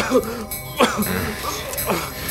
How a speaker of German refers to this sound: Euer Husten klingt recht unschön.